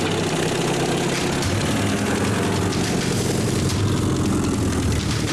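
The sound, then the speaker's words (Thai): An old jeep, in use for 30 years, idles steadily with a low, rough, rattling rumble that holds at a constant level throughout, with no one speaking. “รถจิ๊บใช้มา30ปีแล้วหาบลงมาใส่รถจิ๊บแล้วเอารถจิ๊บมาที่บ้าน”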